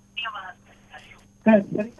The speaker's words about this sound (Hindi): पहले तो पिछे रेडियो सेट की आवाज कट कर लो।